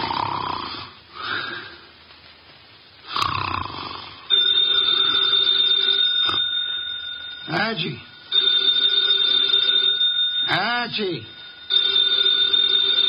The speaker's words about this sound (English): The phone, if you please, Mr. Goodwin. But it's on your desk, only 8 3/4 inches from your left elbow.